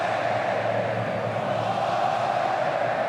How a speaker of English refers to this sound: Noise is that of the Morocco fans. They are cheering on at the minute.